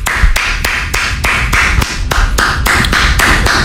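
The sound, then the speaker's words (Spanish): A single person clapping hands in a steady, brisk rhythm, about a dozen sharp, loud claps evenly spaced over a low rumbling background, with no talking. “si vas a aplaudir cada que te equivoques, esas manos las vas a quedar con sangre.”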